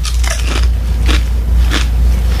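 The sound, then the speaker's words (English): Loud chewing with wet, crunchy bites repeating about every half second as a man eats during a live broadcast, over a steady low hum and no talking. “As he eats right on the air. Do you think you can chew any louder?”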